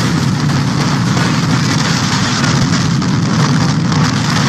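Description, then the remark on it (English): A loud, steady roar of a tornado funnel cloud roaring through a field in St. Liberty, Nebraska, over a weekend, a dense rumbling wind noise with heavy low end that holds without a break, overwhelming, with no voices. “A home was flattened and two people trapped in their basement when a funnel cloud roared through a field in St. Liberty, Nebraska this weekend.”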